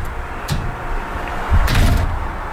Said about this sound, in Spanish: ¡Bien! ¿Podría abrir la puerta, por favor? ¿Quién toca la puerta?